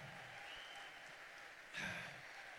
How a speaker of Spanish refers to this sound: Con este aplauso le estamos diciendo, recibo esa palabra y la voy a vivir. Dale fuerte, dale fuerte, dale fuerte, dale fuerte. Que viva Cristo, que viva Colombia. Dale fuerte el aplauso.